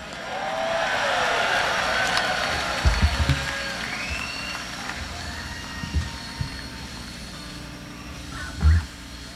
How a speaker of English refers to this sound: All right. Train's here.